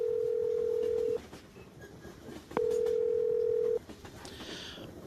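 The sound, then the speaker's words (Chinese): A phone ringback tone after dialing a phone number found on a lost mobile phone: two long, steady electronic beeps about a second each, separated by a pause, with faint background hiss and no one talking. “哎，好，这上有一个手机号码，亲爱的，给这人打准没错。”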